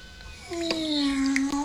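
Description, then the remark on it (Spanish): A single drawn-out cat meow, voiced by a person imitating a cat, rising and then sliding down in pitch, fairly loud, with faint background noise and no other talk. “¡Miau!”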